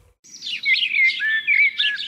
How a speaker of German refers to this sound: Für viele Menschen gehört Vogelgesang zu den angenehmsten Geräuschen der Natur. Doch nicht jeder Vogel klingt gleich schön.